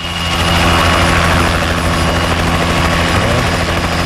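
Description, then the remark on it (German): A helicopter flies slowly overhead above the town centre of Frechen in the early morning, its rotor producing a loud, steady thudding drone with a heavy low rumble and constant engine whine throughout. “Und immer wenn irgendwo ein Hubschrauber ganz langsam über euch fliegt, dann stellt sich immer die Frage, was ist los?”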